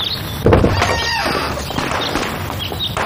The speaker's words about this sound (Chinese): 那快点开门呐！